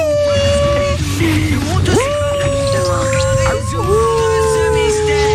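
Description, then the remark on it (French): A person imitates the howling of a 5-kilo miniature pinscher, holding long wavering tones that slide up and drop, sung loudly with a low rumble of background noise underneath. “C'est pas un loup, Scooby-Doo. Scooby-Doo, il fait des bruits comme ça.”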